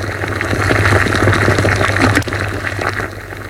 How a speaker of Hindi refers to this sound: वहां माँ चाय बना रही थी। चूल्हे पर केतली रखी थी। केतली के मुंह से भाप निकल रही थी।